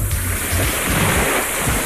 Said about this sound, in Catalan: Escolta les onades.